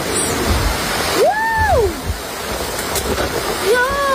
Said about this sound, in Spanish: un leve respiro tras una jornada, la de este jueves, de muchísimo calor, con una alerta roja que dejó bastantes incidencias porque también vino acompañada de lluvia y de tormentas eléctricas. Escuchen.